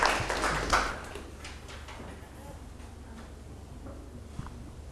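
A small group claps briefly, a soft burst that fades within about a second, leaving faint scattered claps and quiet background with no one talking.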